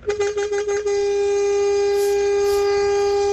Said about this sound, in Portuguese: Buzinão, hein? Esse foi um buzinaço! Nota 10!